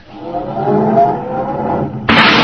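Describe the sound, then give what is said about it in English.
A car engine turns over and settles into a steady rumbling drone with a faint rising whine, then suddenly roars louder and harsher as it's revved near the end, as Andy starts the car to back it into parking space number 7. “Yeah, well, start it up, Andy, and back it over there in space number 7.”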